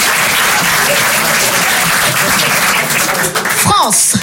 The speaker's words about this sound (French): Voilà. Voilà. C'est des applaudissements.